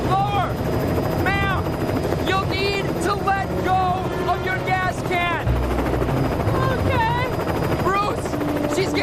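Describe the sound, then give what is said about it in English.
A helicopter hovers during a rescue of a survivor on an island, with a loud, steady rotor roar and dense thumping wash throughout, while wavering, indistinct vocal sounds rise and fall over the noise. “By the wind from your rotors.”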